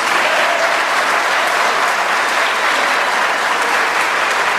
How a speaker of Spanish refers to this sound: Aplaudan, yo espero.